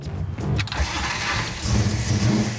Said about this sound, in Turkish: Evet, hemen marş bastı. Arabayı nihayet sürebilmek ve o gücü hissetmek harika.